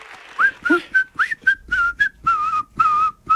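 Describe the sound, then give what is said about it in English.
A person whistles a quick, bouncy tune along to a song, short pitched notes rising and sliding in a steady rhythm, with a few longer held tones near the end and no talking. “I heard whistling. That was me.”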